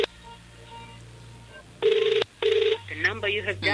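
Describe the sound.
Outgoing phone call to a prize winner heard through a handset: two steady electronic ringback tones buzz in quick succession, then an automated-sounding voice starts speaking over the line.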